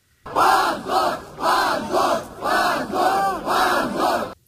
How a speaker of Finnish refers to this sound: Oikeustalon ulkopuolelle kokoontui 100 nuorten Jablakan kannattajaa, jotka huusivat hävetkää huutoja oikeudenpäätöksen antamisen jälkeen.